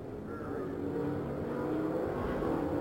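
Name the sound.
race cars accelerating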